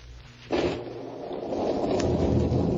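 Steady rain begins abruptly after a brief low rumble, then pours on as a dense, continuous hiss that swells slightly louder toward the end, with no voices present.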